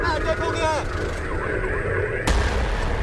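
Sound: explosion blast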